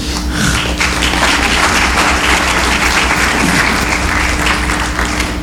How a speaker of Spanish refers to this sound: Uy, no quería interrumpir el aplauso, por favor.